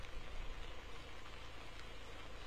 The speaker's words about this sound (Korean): 네, 어젯밤부터 약한 빗줄기가 내리기 시작해 지금은 제법 강한 빗방울이 꾸준히 떨어지고 있습니다. 저수율이 8%에 불과할 정도로 바짝 말라가던 저수지에도 정말 오랜만에 빗물이 스며들고 있습니다.